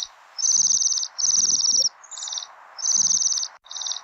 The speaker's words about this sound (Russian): Ой, кто это? Это наши гости, северные птицы, свиристели. Послушай, какая нежная у них песенка.